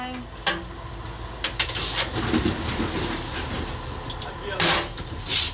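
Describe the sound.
A train rumbles steadily with a low, continuous drone, punctuated by sharp metallic clanks and hisses, as if slowly getting under way nearby; faint voices murmur in the background.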